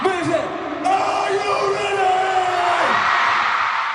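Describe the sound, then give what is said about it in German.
A large crowd of fans at a a band concert cheers and screams continuously, with sustained high-pitched shrieks rising and falling over a dense wash of roaring voices, loud throughout. “Die Fans sind begeistert.”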